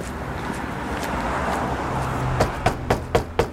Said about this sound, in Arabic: وقت اللي وصلت لدار مماتها دقدقت الباب حلولها وفرحوا بها